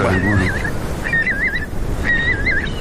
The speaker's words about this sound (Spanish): Y alguna gaviota reidora, que es esta que se ríe por aquí cerca.